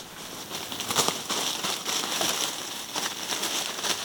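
A badger digging in soil: continuous scratching and crackly rustling with irregular bursts of scraping, like earth and dry debris being raked and tossed, with no voices.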